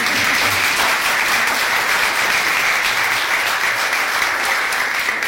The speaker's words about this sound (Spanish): Acaban de pasar la primera gran prueba. Tienen talento definitivamente. Hoy con las palmas, mañana con todos esos instrumentos.